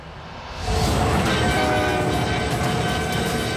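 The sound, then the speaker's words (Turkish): A heavy train rumbles steadily, travelling at under 56 km/h on a spare rail, its horn sounding in sustained tones over the rolling noise, rising in loudness after a quiet start and staying loud throughout. “Bill ve Davy'nin ağır treni saatte 56 kilometreden az bir hızla ilerlemek zorunda.”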